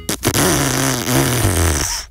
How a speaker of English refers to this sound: That was supposed to be a car with a crook exhaust, but we couldn't find the right sound effect. Not very professional, I know.